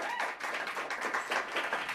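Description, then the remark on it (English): A crowd applauds continuously, a dense, steady wash of many hands clapping at once, fairly loud, with no voices rising above it. “Give it up!”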